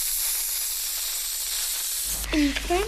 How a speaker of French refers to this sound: En fait, c'est une pompe pour gonfler les ballons en baudruche